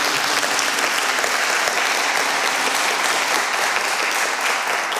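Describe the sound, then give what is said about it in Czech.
Steady, dense applause from an audience in concert studio S1 of Czech Radio Ostrava, at an evening concert of the Zpěvem k srdci music series: a continuous crackle of many hands clapping at an even, fairly loud level for the whole stretch, with no voices breaking through. “Srdečně vítám všechny a zatleskejme si.”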